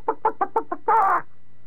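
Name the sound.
chicken clucking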